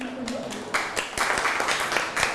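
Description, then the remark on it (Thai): A brief voice gives way to a classroom of students applauding their classmates in group 2 after a presentation, many hands clapping in a dense, irregular patter that stays fairly steady and moderately loud to the end. “ปรบมือให้กับเพื่อนๆกลุ่ม2อีกครั้งครับ”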